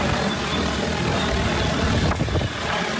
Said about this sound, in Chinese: 伴随着旋翼轰鸣，一架农用无人机很快抵达山顶茶园上空，精准悬停，稳稳吊起一袋刚采摘下来的茶青，仅用2分钟便将茶青运到了山脚的加工点。